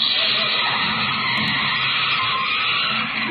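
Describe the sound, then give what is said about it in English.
A car brakes hard, its tires letting out a loud, sustained screech and skid that fills the whole few seconds without a break. No one speaks. “Sensitive brakes.”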